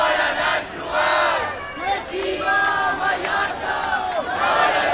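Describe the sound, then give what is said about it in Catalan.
Thousands of protesters in Palma, Mallorca, demonstrating against mass tourism under the slogan 'Mallorca al límit', chant in unison, loud rhythmic shouted phrases rising and falling in waves, with many voices overlapping and a steady roar of the crowd underneath. “Bon dia, són les 8 d'aquest dilluns, dia 27 de juliol, jornada en què vos explicam que milers de persones s'han manifestat a Palma contra la massificació turística sota el lema Mallorca al límit.”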